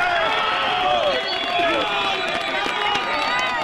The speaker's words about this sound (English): Applause rang out today after rescue teams retrieved one woman who had been trapped for a day and a half.